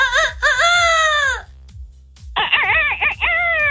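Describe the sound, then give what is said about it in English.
A voice imitates a rooster's crow in two long, wavering calls separated by a short pause, loud, with a low rhythmic thumping underneath. “in case people are new to the world and don't know what a rooster sounds like. Come on, give me a big”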